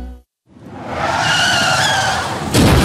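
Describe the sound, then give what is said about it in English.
A car's tire skid on the road screeches for about two seconds after a brief silence, with sustained high-pitched squealing tones, ending in a sudden burst of noise like an impact in an accident. “Then, boom, an accident happens.”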